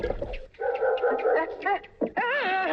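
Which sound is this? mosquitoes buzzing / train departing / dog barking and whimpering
dog barking and whimpering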